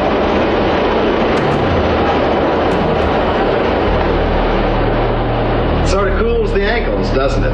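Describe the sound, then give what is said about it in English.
A subway train roars past beneath a street grate, a loud, steady rushing rumble filling the whole stretch, with voices rising over the noise toward the end. “Oh, do you feel the breeze from the subway? Isn't it delicious?”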